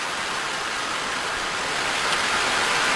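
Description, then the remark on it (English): A jet plane takes off from an aircraft carrier, its engines a loud, steady, hissing roar that swells slightly toward the end, with no voices. “This is a plane taking off from an aircraft carrier.”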